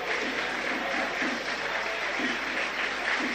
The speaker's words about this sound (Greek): Ακούτε τα χειροκροτήματα που ακούτε είναι για τον Ίνγκασον που ήρθε από την άλλη μεριά του γηπέδου και πάει τώρα στον πάγκο του Παναθηναϊκού.